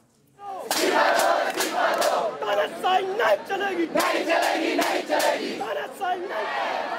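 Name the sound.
protesters chanting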